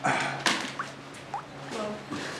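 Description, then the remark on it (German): A couple of water drops plink distinctly, spaced apart, against a steady background hiss of rain: rainwater dripping indoors through a leaky roof. No one speaks. “Das Dach ist undicht.”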